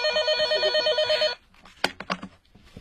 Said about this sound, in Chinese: 就在这时，苗振接到电话